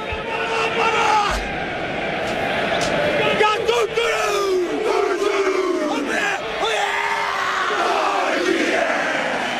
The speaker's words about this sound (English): Great to be here, great to see you, and about to bust into the haka. So I'll shut up.